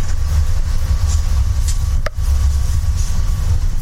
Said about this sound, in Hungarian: Vagy most lennénk, ha nyitva lenne, hiszen közlekedett a villamos, éppen lassított.